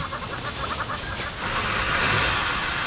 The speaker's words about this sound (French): Oh, un sifflement. Celui-ci est caractéristique d'un véritable monstre, le varan de Komodo. Il est si effrayant qu'on le surnomme le dragon de Komodo.